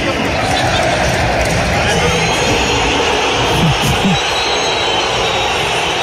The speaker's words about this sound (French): il a été sifflé partout, tout le temps, pendant cette soirée au Metropolitano, a commencé par l'annonce des compos d'équipe. Écoutez la bronca envers Julian Alvarez.